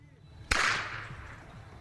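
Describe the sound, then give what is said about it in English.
A single sharp crack of a handmade whip snaps out, followed by a bright, hissing decay that fades over about a second against a low background rumble. The whip is made and cracked by the homeless community along the Truckee River. “In the coming years, it would become ubiquitous, the audible presence of an underground culture of whip-making in the homeless community who lived along the Truckee River.”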